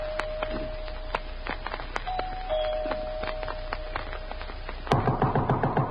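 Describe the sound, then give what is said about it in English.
A steady electric doorbell tone rings twice in long, muffled bursts inside a big, dark house at night after it is pressed at the front door, over scattered clicks and footsteps, before a louder rapid rattling takes over near the end. “I walked up the front stairs, punched the doorbell, and heard it ring inside.”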